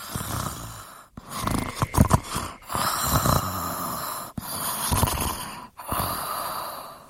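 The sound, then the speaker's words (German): Calm, steady breathing with soft snoring, several slow breath cycles separated by brief pauses, moderately loud, with no voices. “In bald hat man ein rühet Atmen in ein Schnurrchen aus dem Bad.”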